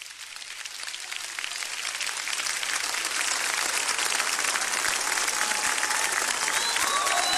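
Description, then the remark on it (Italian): A crowd applauds steadily, dense overlapping claps building slightly in the first second and then holding at a loud, even level, with a few faint whistles over the top. “Voglio sentire un applauso al re.”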